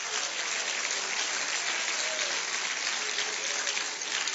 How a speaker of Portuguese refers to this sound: Isto, desocupe as mãos e pode aplaudir, pode.